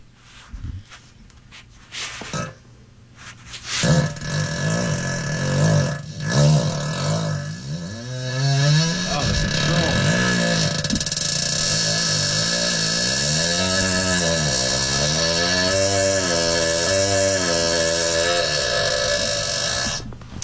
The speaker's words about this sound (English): Now we can break it down track by track. Please, Do you have the fart? Solo the fart. Isolate the fart. Okay, all right. And listen to this.